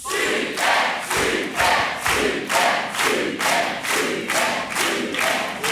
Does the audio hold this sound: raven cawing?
no